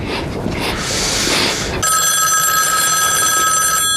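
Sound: telephone ringing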